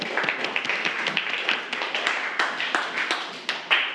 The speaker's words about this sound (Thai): ปรบมือเพื่อนหน่อยนะครับ